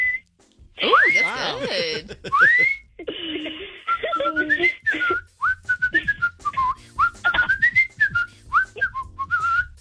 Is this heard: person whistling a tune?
yes